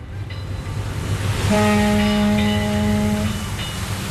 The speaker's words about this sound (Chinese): 香港维多利亚港湾上，海风习习，汽笛声声，各种船只在海面上安然地航行。